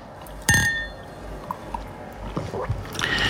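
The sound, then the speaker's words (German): A single bright clink of glasses touching in a toast, with a short ringing tone that fades quickly, followed by faint rustling and soft murmurs. “Ja, also dann, Anfang September. Prost. Prost.”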